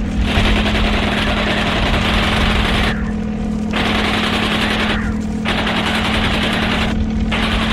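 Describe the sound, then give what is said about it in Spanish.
Loud, rapid machine-gun fire from a helicopter rattles in long sustained bursts with a few brief pauses, over a steady low droning hum of the helicopter flying overhead. “Justo cuando el helicóptero vuela sobre él y dispara, se lanza al vacío en un salto espectacular.”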